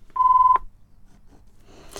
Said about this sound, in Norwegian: Da var det en telefon.